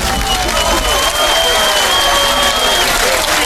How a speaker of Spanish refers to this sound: Hombre, un aplauso.